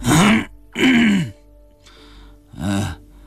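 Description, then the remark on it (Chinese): An old man drooling in a chair lets out a couple of rough, croaking groans, followed after a brief quiet by a short, throaty cough, with no words spoken. “一直在椅子上流口水的老孙头啊了一声，又咳嗽了一下。”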